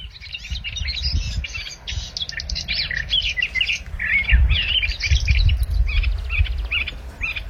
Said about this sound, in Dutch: Mieke Pol uit Alkmaar, die hoorde 's morgens vroeg in de Schorrelse duinen de tuinfluiter onafgebroken zingen.